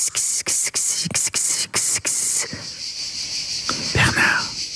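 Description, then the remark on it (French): An imitation of cicadas chirping: a dry, rasping buzz pulsing in about eight quick bursts, then settling into a steadier, fainter hiss, fairly loud. “Et puis au sud de la France, moi, ça fait penser aux cigales, là.”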